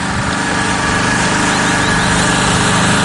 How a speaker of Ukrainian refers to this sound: Аби максимально точно коригувати удари артилерії, курсанти запускають «Фурію» – український розвідувальний безпілотник. Увага, запуск!